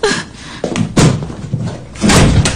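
A door is banged repeatedly, several heavy thuds in an uneven rhythm, loud, with a rattling impact near the end and no talking.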